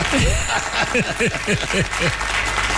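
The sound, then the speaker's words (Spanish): Steady, dense applause from an audience, loud and continuous throughout, with a man's voice calling out over the clapping. “Bueno, los aplausos y nuestra gente.”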